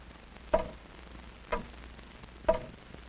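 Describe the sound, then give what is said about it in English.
A large hall clock ticks slowly and steadily, three resonant, woody ticks spaced about a second apart, each ringing briefly before fading, with no voices and a quiet background. “The big clock in the hall went on ticking off its even measure of time.”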